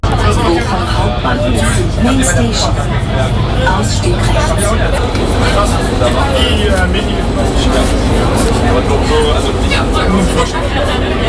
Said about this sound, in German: Angekommen am Bochumer Hauptbahnhof. Ein bisschen erleichtert steige ich aus der U-Bahn aus.